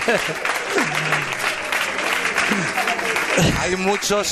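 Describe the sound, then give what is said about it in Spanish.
Loud, sustained audience applause fills the whole stretch, a dense wash of clapping with a man's voice talking over it at moments. “Wow, que un aplauso cinco, ¿eh? Bien fuerte para él, para él.”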